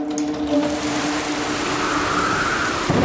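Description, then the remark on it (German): Heavy storm rain pours down outside in a loud, steady wash of hiss and patter that never lets up for about three seconds, with no voices. “Die Mitarbeiter brauchten ihn. Draußen. Im Sturm.”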